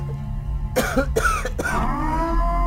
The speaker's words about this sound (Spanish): Usted disculpe, son las secuelas de la tos.